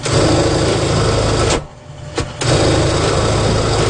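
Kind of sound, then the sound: machine, sewing machine humming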